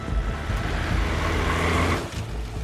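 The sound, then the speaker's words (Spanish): A van's engine rumbles loudly with steady low droning, briefly dipping near the end before idling on, as the van pulls up and parks beside a boat named the Benedita. “Griff se estaciona junto a la Benedita y todos bajan de la camioneta.”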